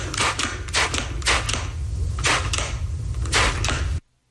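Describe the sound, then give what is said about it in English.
A spray bottle of Windex glass cleaner squirts repeatedly, about eight or nine short, sharp hissing bursts in an uneven rhythm over a low steady hum, then stops abruptly. “Is that spraying of a hairspray or spray bottle of Ooh, some sort? She's good at that. Spray bottle. Really? Spraying Windex. Really? Yes.”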